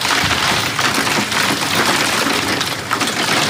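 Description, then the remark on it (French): Heavy hail from a thunderstorm pelts down steadily on the gardens of houses in Charente-Maritime, France, a dense, loud clatter of countless impacts with no pauses, unbroken from start to finish, with no voices. “Ailleurs, en Charente-Maritime, des déluges de grêle dans les jardins de ces maisons.”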